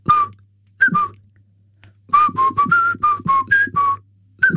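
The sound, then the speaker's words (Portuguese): Someone whistles a catchy pop tune: a couple of short opening notes, a brief pause, then a quick bouncing run of clear, bright notes in steady rhythm over a faint low hum. “Se estiver desse lado e se lhe quiser, se lhe apetecer também, faça também este assobio, que é assim.”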